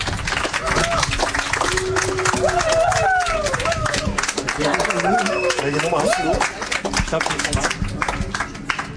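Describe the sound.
Audience applause, a dense, steady patter of many hands clapping for several seconds, with voices calling and cheering over it before it starts to thin out near the end.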